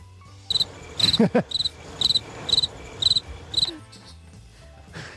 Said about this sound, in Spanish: Está bien traído lo de los grillos.